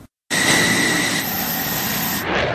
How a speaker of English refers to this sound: This F-16 fighter jet blasting off from Andrews Air Force Base just after 7 a.m. in hot pursuit of this Cessna plane, which has entered restricted airspace in a training exercise conducted by the Coast Guard and NORAD.